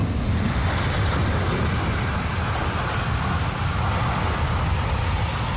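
A loud, continuous roar of rushing flash flood water fills the entire stretch, dense and turbulent with a steady low rumble and hiss, no pauses or voices, as the torrent flows over an iron bridge, sweeping it away and carrying stones and debris.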